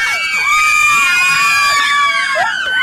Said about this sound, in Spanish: ¿Cómo me gritan las mujeres, eh? ¿Por qué será que me gritan tanto las mujeres? Ah, ya entendí por qué.